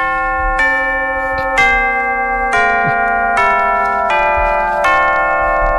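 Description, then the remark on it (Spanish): Tubular bells in a music recording ring out in a slow sequence of about eight struck notes, each with a bright metallic attack and long overlapping sustain, loud with no voices. “Está rodeado de instrumentos, de percusión, de guitarra y bajo, piano, teclados y, por supuesto, las campanas tubulares.”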